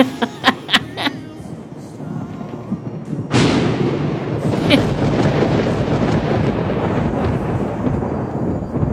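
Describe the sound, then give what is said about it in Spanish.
A loud thunderclap cracks suddenly and rolls into a long, heavy rumble, preceded by a few sharp crackling bursts like lightning strikes; a thunder and lightning sound effect played during talk of walking in the rain. “Con la música, los auriculares, empapada con la lluvia, y el Cristian me pone los rayos y los truenos.”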